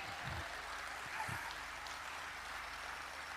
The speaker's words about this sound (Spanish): Pero, aplaudan, yo espero, aplaudan.